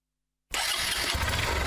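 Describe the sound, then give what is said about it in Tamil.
After a moment of silence, a motorcycle engine abruptly starts and settles into a steady, rumbling idle with a low throbbing pulse. The sound is fairly loud, and no one speaks. “நீ ஏறி உட்காரு, நம்ம வண்டி எப்படி போகுதுன்னு மட்டும் பாரு. முதல்ல ஹெல்மெட்டை போட்டு லாக் பண்ணுங்க.”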